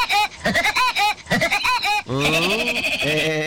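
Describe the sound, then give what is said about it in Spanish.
The laugh of the cartoon character Woody Woodpecker (El Pájaro Loco): a quick run of loud, nasal staccato hoots that ends in a long, warbling high note, with no talking. “¿Usted se acuerda del pájaro loco?”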